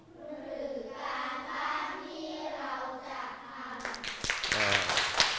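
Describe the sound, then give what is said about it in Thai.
A group of students in a class lesson bursts into quick, scattered clapping near the end, lasting a second or two, without being told to by the teacher, after a stretch of steady voiced sound resembling talk. “เยี่ยมมากมารยาทของผู้ฟังไม่ต้องบอกให้ครูปรบมือเลยใช่ไหม”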